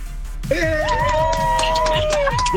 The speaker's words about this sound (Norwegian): Åh, da det god stemning i bilen, hører jeg. Ja. Ja. Kan vi få en sånn kollektiv jubel? Er det mulig å få?